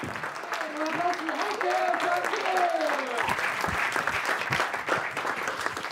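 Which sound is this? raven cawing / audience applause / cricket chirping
audience applause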